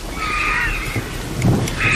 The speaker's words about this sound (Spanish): Y la tormenta que se va hacia Gredos, hacia allá lejos.